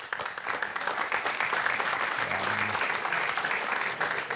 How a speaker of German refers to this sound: Wer würde folgende Aussage vielleicht mit Applaus zustimmen? Männer, zumindest in Mitteleuropa, haben sich in den letzten Jahrzehnten weiterentwickelt.